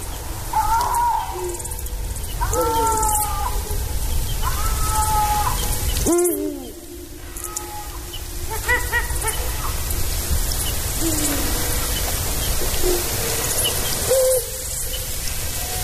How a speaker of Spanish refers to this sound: escucharemos ahora enseguida unos maullidos como de un gato enfadado, unos maullidos destemplados. Son los maullidos de los linces